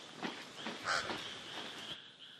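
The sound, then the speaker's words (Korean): A pied crow gives a few harsh, raspy caws at irregular intervals, fairly soft, over a steady high-pitched background hum. No one speaks. “까마귀에게 발각되면 카멜레온의 모험은 그대로 끝나버릴 겁니다.”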